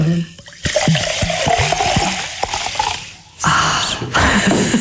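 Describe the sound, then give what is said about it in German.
Sparkling mineral water is poured after the bottle is opened, with a steady rushing, fizzing hiss, punctuated by bubbly glugs and a brief pause before the flow resumes; fairly loud, with no one talking. “Sprudel gehört, glaube ich, zum Genuss von sprudelndem Mineralwasser auch dazu.”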